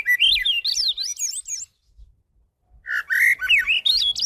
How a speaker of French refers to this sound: Quand l'oiseau chante, il répète, il se pratique, il se perfectionne, il devient un meilleur chanteur toujours. Il impressionne, il avertit de sa présence.